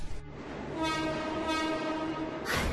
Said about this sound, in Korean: 맞은편 선로로 지금 열차가 들어오는 중이야.